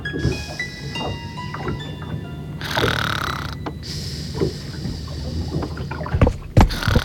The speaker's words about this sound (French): Elle somnole en se laissant bercer par le roulis du bateau.